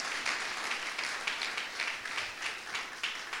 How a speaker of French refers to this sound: L'église applaudit le Seigneur.